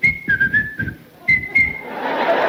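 A referee blows a whistle during a football match: two bursts of shrill whistle blasts, a long one broken into short toots and then another, fairly loud, followed by a wash of broad crowd-like noise.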